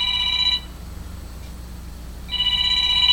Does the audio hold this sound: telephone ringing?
yes